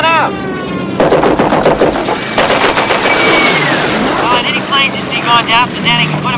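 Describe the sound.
Loud bursts of rapid machine-gun fire from the ball turret of the bomber Memphis Belle rattle over a steady engine drone as a German plane heads for it, with men's voices shouting before and after the shooting.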